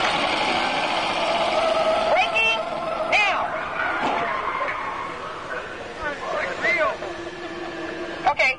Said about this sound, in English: Okay, I'm going to take you right up to the cones, hit the brakes, and see if I can steer you through. Hold on.